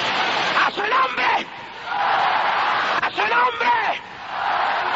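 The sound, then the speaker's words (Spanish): An audience shouts together in the spirit during a night church service, in loud, sustained bursts, many voices overlapping in a dense roar with brief dips between surges, energetic throughout. “Oiga, es la mejor noche que hoy este pueblo gritar en el espíritu.”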